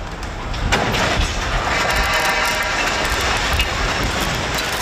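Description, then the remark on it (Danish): A 50-metre-long scaffold collapses around 5:30 in the evening and tears several power lines down onto the roadway: a couple of sharp bangs early on, then a loud, steady, grinding roar of rumbling noise that carries on for several seconds with no voices. “Det var et 50 meter langt stillads, der omkring klokken 5:30 i aftes væltede og rev flere elledninger ned på kørebanen.”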